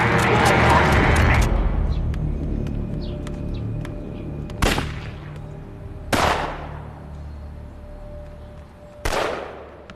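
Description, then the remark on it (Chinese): Three sharp gunshots ring out from a small side street, a second or more apart, each with a short echoing tail, following a dense burst of crackling noise at the start. “报告探长，那边小街传来枪声。”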